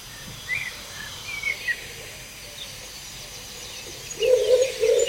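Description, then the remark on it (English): A pigeon coos in low, soft bursts near the end while a blackbird sings brief melodic phrases earlier, set against a quiet outdoor hum with no talking. “No, that's a pigeon. And a blackbird.”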